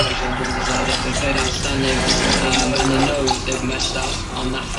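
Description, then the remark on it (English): A man pours vodka steadily into a glass over ice for a very stiff vodka orange, picked up on his radio mic: a fairly loud, continuous gurgling stream lasting several seconds with a faint murmur in the background. “There's a moment in the film where I'm filming downstairs and you can hear on my dad's radio mic that he's pouring a very, very stiff vodka orange.”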